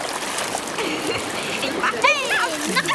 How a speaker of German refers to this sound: Im Wasser spritzen … und … ihren Papa gründlich nass.